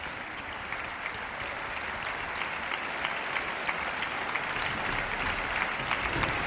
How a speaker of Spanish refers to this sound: Bueno, vamos a ver, vuelve a entrar otra vez al escenario y vuelve de nuevo a recibir los aplausos del público aquí congregado en el Palacio de Carlos V de Granada.